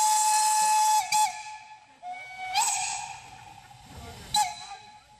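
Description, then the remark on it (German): A steam locomotive's whistle sounds in a long, steady high tone with rich harmonics, punctuated by bursts of hissing steam and low rumbling as locomotives 1K No. 54 and 99 542, a 4K engine, pull away at Pentecost 2026 in the Bresnitz or Schwarzwasser valley. “Sie fährt aus, die 1K Nummer 54, zusammen mit der 99542, eine 4K-Maschine.”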